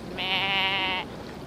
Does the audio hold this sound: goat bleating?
yes